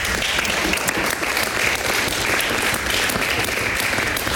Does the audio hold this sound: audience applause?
yes